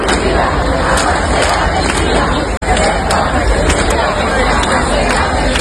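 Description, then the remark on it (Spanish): Thousands of Ceuta residents in the Plaza de África, Ceuta, roar continuously welcoming the king and queen, a dense wall of cheering, applause and shouted chants such as "Ceuta unida, jamás será vencida" and "yo soy español" that stays loud throughout, broken only by a split-second cut partway through. “Hasta aquí se han acercado miles y miles de ceutíes que han querido hoy recibir a los reyes.”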